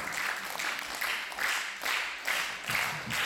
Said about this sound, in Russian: Все, пожалуйста, аплодисменты еще.